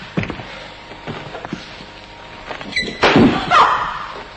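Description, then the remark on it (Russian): A door being opened: a few sharp wooden knocks and clunks, then a louder rattle of the latch and a creaking swing near the end. “Графиня, прежде чем выломать эту дверь, я очень прошу вас подумать о последствиях. Откройте дверь сами.”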